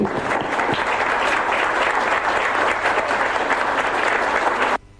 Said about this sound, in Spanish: Así que este aplauso es para ustedes.